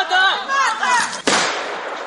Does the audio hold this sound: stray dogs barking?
no